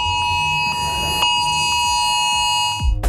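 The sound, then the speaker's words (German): A phone emergency alert tone from Germany's nationwide warning day test at 11 o'clock blares steadily, a loud piercing electronic sound with layered harmonic pitches held for about three seconds, ending abruptly with a brief clatter. It sounds even on phones set to silent. “So Leute, jetzt wird's laut, weil in 16 Minuten um 15 Minuten um 11 Uhr macht euer Handy dieses Geräusch.”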